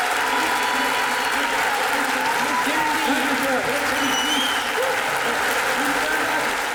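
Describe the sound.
A crowd applauds steadily and loudly for the whole stretch, a dense, even wash of clapping with some voices and faint cheers rising through it.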